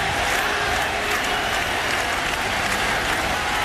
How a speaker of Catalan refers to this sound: Àlex Corretja ara saluda. I és un clam, també, l'estadi de Flushing Meadows.